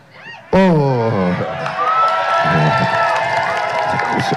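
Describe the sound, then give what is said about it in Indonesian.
A loud crowd erupts in cheers and shouts as the Cabinet Secretary, Teddy Indra Wijaya, is named, with rising voices and a sustained roar that carries on steadily for several seconds after a sudden start. “Saya nggak mau sebut sekap karena tiap saya sebut namanya lebih teriak.”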